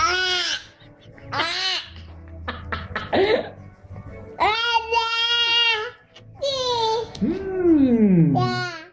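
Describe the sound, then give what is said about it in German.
Several bursts of infant crying and fussy wails from babies biting into a lemon for the first time, some high and strained, others sliding downward, broken by short gasps and coughs, fairly loud with no adult talk. “Aber Moment, es gibt doch diese Videos im Netz, da beißen Babys zum ersten Mal in eine Zitrone.”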